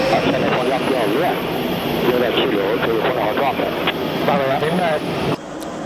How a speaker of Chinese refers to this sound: 飞行学员推满油门拉杆，战机加力升空。